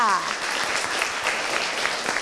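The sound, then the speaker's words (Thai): A classroom of people claps together for group 2 in a dense, steady burst of applause lasting a couple of seconds, fairly loud, with a brief trailing voice at the very start. “ขอบคุณกลุ่มที่2มากค่ะปรบมือให้กลุ่ม2ด้วยค่ะ”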